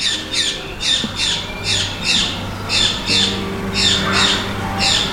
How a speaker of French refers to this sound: Alors, il y a un oiseau qui a son opinion sur la question, mais je n'ai pas bien compris ce qu'il voulait lui dire.